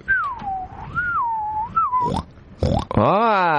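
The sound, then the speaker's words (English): A pig squeals in a long, wavering high-pitched whine, then breaks into a rough grunt and a sharp, rising squeal at the end. “Little oink oink. Oink oink. That's a lovable pig.”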